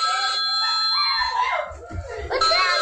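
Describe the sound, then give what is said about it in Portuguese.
High-pitched excited screaming from a family, a child, the father and the wife, loud in bursts with gliding pitch, mixed with laughter and a steady tone like a notification chime, as they react to their first iFood order, a brownie order. “O nosso criança gritando, pai, esposa.”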